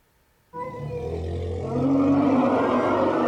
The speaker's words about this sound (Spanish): Las hembras de la manada emitían sonidos estridentes cuando Cintia, la parturienta elefanta, expulsó con un golpe seco a su cría con este grito desgarrador.